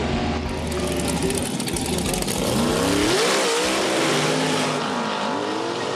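A dragster race car engine at a dragster competition roars loudly and steadily for the whole stretch, its pitch sweeping up and wavering midway as it revs, with a harsh, gritty rasp and no voices.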